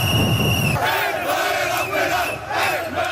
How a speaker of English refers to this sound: Well, Moroccan soccer fans are cheering.